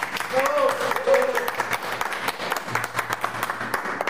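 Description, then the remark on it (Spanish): Audience applause for young entrepreneurs of an international gastronomy program, a steady wash of many hands clapping for about four seconds, with a few faint voices and a brief exclamation rising over it early on. “¿Qué tal si nos damos un aplauso cariñoso?”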